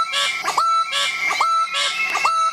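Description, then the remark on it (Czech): A bird-of-paradise gives three repeated calls, each a harsh buzzy rasp ending in a rising, whistled note, spaced evenly about a second apart, loud and steady with no voices. “a aby toho nebylo málo, tak jsem si stáhnul ještě jeden zvuk rajky, který teda také stojí za to.”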